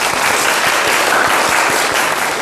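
A classroom of students claps steadily after a classmate's poetry recitation, a dense, even patter of many hands for a couple of seconds with no voices on top.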